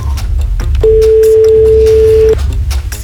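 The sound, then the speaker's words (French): A single ringback tone from an outgoing phone call to a radio prize-game winner, one steady beep lasting about a second and a half, clear and prominent over a low rumbling background, with no one talking. “Moi je m'inquiète toujours à trois sonneries.”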